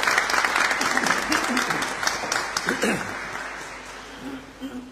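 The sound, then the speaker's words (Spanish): A church audience applauds an older couple who represented the community in a competition, in a steady, dense patter of many hands, loudest at first and gradually thinning, with a few voices murmuring underneath as the clapping fades. “Así que, si ustedes me permiten, dar un aplauso para esta pareja de adultos mayores que nos representó.”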